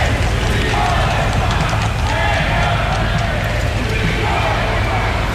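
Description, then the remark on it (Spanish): A large crowd applauds and cheers continuously for the King and Queen of Spain and their daughters, the Princess of Asturias and Infanta Sofía, a dense, loud wash of clapping with voices calling out over it, steady throughout with no pauses. “Los reyes de España, acompañados de sus hijas, la princesa de Asturias y la infanta Sofía, recibidos con aplausos y vivas”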